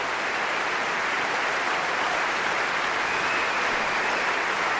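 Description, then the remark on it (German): A large concert audience in the Berliner Philharmonie in Berlin applauds, cheers and whistles for the DSO orchestra and conductor Yamada after a Debussy symphonic poem, a dense, continuous wash of clapping and crowd noise with no pauses. “Er gibt gerade jedem persönlich die Hand, auch dem ersten Konzertmeister Weilu gerade, und stellt sich vor sein Orchester, und Sie hören, wie das Publikum jubelt und pfeift.”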